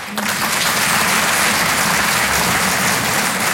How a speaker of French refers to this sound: Ok. Il y en a qui ont pas applaudi.